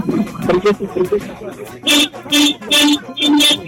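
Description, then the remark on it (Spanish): A car horn blares four times in quick succession, each blast loud and roughly half a second long, as a driver honks his car's horn on request, asked for three long honks, following a moment of someone talking. “te vamos a pedir que toques tu claxon. Tu claxon. Tu claxon del auto.”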